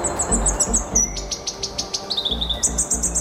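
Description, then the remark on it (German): A Black Robin (Karure), a rare small black songbird, sings a clear, high-pitched series of rapid chirps and thin trills in quick bursts, with a low background rumble and no voices. “Ein kleiner, schwarzer, federleichter und kugelrunder Singvogel.”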